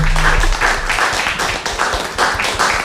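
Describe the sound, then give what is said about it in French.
A steady burst of applause from a group for a reading of a literary passage, many hands clapping in a dense, loud wash of sound that holds for about three seconds, swelling slightly in waves, with no voices. “On applaudit Lyon pour cette évocation.”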